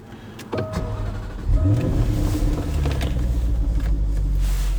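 A powerful supercar engine, with a top speed of 186 miles an hour, cranks and fires up with a loud surge in Shetland, then settles into a steady, deep idle rumble. No one speaks.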